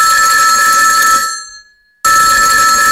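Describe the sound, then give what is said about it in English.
A loud, jangling telephone bell rings, fades into a brief silence, then bursts back in abruptly for a second ring. No voices are present. “the other campaigners were being bombarded by phone calls from undocumented Irish people, so they set up a telephone hotline.”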